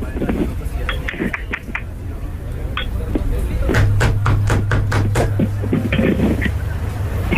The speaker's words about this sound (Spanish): Espérate, ya voy llegando, ya voy a tocar la puerta, güey.